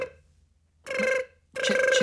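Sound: telephone ringing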